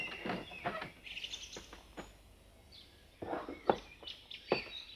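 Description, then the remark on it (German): A small bird chirps repeatedly in quick, bright bursts, fairly loud, with short pauses between clusters of high tweets and no talking. “Solche große Aufregung und so ein kleiner Vogel.”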